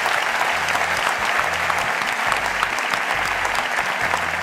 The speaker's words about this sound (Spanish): Aplauso para todos estos compañeros de la SER.